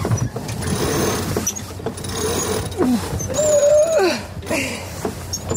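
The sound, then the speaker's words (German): Two people crank the winches of a sailboat, drums over which the lines run, a busy mechanical clicking and whirring with rising tonal whines as the lines load up, with outdoor wind and bustle around it. “kurbeln an den Winschen genannten Trommeln, über welche die Leinen führen.”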